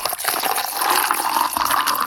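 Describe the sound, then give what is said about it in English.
Ice-cold orange juice pours steadily into a glass, a continuous gurgling splash whose pitch rises slightly as the glass fills, with no voices. “But maybe the sound of pouring an ice-cold glass of orange juice comes close.”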